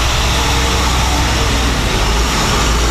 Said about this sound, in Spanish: Camiones entraban con el preciado líquido y salían para recargar en Carolina o Dorado.